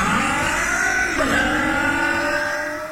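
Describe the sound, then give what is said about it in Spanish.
A four-stroke motorcycle engine revs loudly, its pitch climbing and wavering for a few seconds before easing slightly toward the end, in an advert for Bardal 4T Top Loop four-stroke motorcycle oil. No voices are heard. “Es protección para tu moto de cuatro tiempos.”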